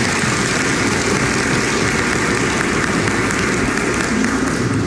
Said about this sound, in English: Let's give the Lord a hand clap of praise for them.